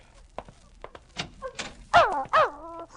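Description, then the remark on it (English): A dog whimpers and then lets out two loud, whiny yelping barks, each trailing off into a high whine, after a few soft scratches and thumps. “Now put that gun down, Walter. Let the dog in. Go on, let him in.”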